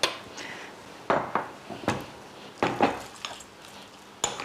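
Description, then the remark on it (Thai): A utensil stirs dried shrimp and fried dried squid into a mixture in a bowl, with irregular scraping and a handful of sharp clinks against the sides, and nobody speaking. “แล้วเราก็ใส่กุ้งแห้งแล้วก็ปลาหมึกแห้งที่เอาไปทอดแล้วเนี่ยค่ะเพื่อเข้าตำรับเดิมนะคะแล้วก็คนให้เข้ากัน”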